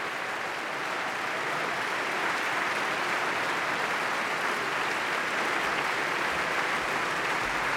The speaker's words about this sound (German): Jetzt kommt er nochmal auf die Bühne und hat diesen Applaus sowas von verdient.